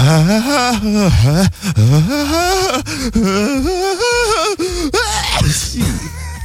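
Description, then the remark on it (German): A person performs an exaggerated, operatic sneeze: several loud, sung, wavering 'ah-ah' gasps climb and swell over several seconds before a breathy, noisy burst near the end. “Hier zum Beispiel, das wäre die Spezies Opernsänger. Die bauen im Nieser quasi immer groß auf.”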